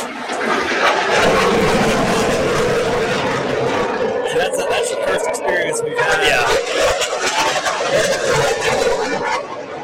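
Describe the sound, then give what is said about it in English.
A loud, continuous jet roar passes low overhead, filling the whole stretch with broad rushing engine noise while indistinct crowd chatter murmurs underneath. “The jet, that man, just pointed at you.”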